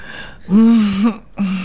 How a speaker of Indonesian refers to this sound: Kesian bunyi-bunyi angin nafas tu.